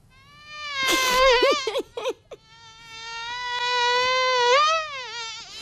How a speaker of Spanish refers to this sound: ¿qué te parece esta mosca? Fabulosa, fabulosa.